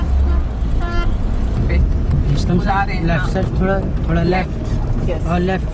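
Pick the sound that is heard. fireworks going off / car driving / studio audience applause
car driving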